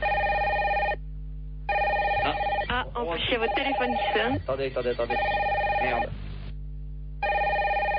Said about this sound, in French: En plus, il y a votre téléphone qui sonne.